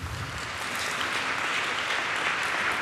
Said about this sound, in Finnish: Jos sinä olet tänään ensimmäistä kertaa Tuomas-messussa, niin pyytäisin, että nostaisit rohkeasti kätesi ylös. Onko täällä ensikertalaisia? Hienoa. Aplodit teille.